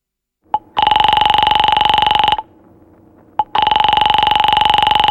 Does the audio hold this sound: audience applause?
no